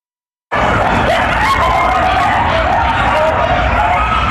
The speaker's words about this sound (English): We're back with coyotes howling from this abandoned construction site in West Hollywood. Neighbors call it the coyote condo. Several of the animals making themselves at home.